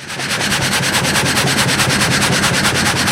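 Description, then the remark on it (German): A full frame saw (Vollgatter) runs steadily in a sawmill in Alpach, a loud continuous rasping with a fast regular pulsing beat from the reciprocating blades, with no talking. “Es ist mit einer Gattersäge, hast du das Ganze. Ein Vollgatter ist das.”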